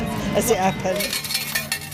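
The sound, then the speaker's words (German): A rapid cascade of coins clinking and jingling as they drop out of a change machine as a woman collects small change for slot machines, bright, with a faint murmur of voices and room noise behind. “Sie holt am Wechselautomaten Kleingeld, das ihre Kinder an den Spielautomaten ausgeben können.”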